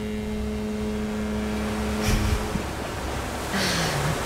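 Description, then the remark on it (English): A steady wash of open-sea noise heard aboard a sea liner, with a low droning hum underneath, broken by a couple of brief louder surges; no one speaks. “Now we all know where we are. We're on open sea. On a sea liner.”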